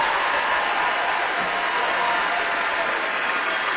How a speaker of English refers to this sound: If we have any active or veteran military members with us tonight, if you all are able to stand, we'd love to give you a big round of applause and a thank you for everything you've done for our country.